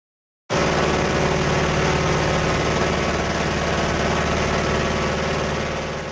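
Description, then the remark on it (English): A 75-year-old de Havilland Beaver float plane's radial engine starts abruptly and holds a loud, steady, throbbing drone with a low rumbling pulse, easing slightly toward the end. No voices. “There's the sound of a 75-year-old de Havilland Beaver float plane, and it's said to be one of the most iconic bush planes ever built.”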